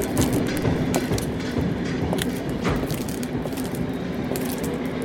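A train rumbles steadily past at a railway station, loud, with a low droning hum, scattered metallic clanks and rattles, and no voices over the noise.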